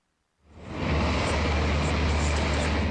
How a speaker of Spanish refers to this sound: El rugido de los motores tomó el domingo las calles de Washington, convertidas por primera vez en un circuito urbano de IndyCar, frente a algunos de los monumentos más emblemáticos de la capital estadounidense.